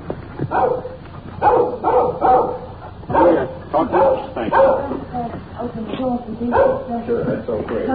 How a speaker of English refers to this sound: Little dog following us. Keeping at a safe distance. He's making an awful lot of noise for a little fella.